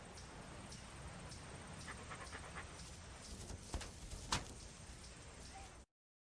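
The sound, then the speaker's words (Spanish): A dog named Dallas pants steadily in quick, breathy bursts, a continuous rasping hiss with a couple of sharp clicks near the end and no one speaking. “Hola, me llamo Dylan y este es mi perro Dallas.”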